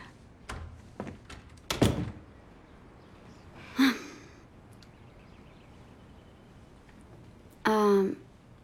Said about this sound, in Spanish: ¿Quieren la puerta abierta o cerrada? Ciérrala, por favor.